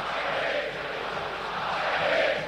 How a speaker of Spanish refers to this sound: La gente grita, la gente está feliz.